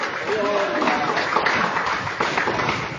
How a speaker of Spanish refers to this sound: Amada iglesia, puede tomar su respectivo asiento y dele un fuerte aplauso para Cristo con alegría y con gloria a Dios también.